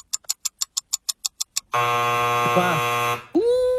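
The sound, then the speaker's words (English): A quick run of about a dozen sharp countdown ticks gives way to a loud, harsh game-show time-up buzzer that drones for over a second before cutting off. No one speaks. “Buzzer beater?”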